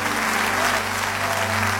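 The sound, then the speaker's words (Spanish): Sustained applause from an audience, a dense, steady wash of many hands clapping at an even loudness throughout, with a low steady hum underneath. “Dê-lhe forte esse aplauso a Ele.”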